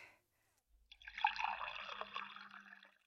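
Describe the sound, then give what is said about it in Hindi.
Water is poured steadily into a container for a farm worker to drink in a field, a continuous splashing trickle lasting a couple of seconds after a brief quiet start, moderately loud with no talking. “ला भाई पानी पिला दे।”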